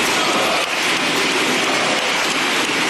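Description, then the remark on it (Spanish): A dense, steady wash of clapping from a large crowd applauding José Luis Ábalos, loud and continuous for the whole stretch, with no voices rising above it. “Ese aplauso no se replicó en su entrada a la cárcel, con lo que sí, la eternidad se puede medir en un aplauso.”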